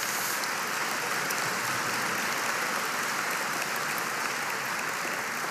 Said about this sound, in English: So please give Tyler a round of applause.